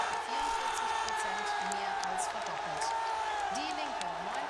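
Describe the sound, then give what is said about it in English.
A dense, loud crowd at an election event in Saxony-Anhalt, Germany, roars continuously as projections show the AfD topping the polls, with excited shouts and whoops rising over the overlapping din of many voices throughout. “The crowd here is going crazy as everyone tries to figure out exactly what it means.”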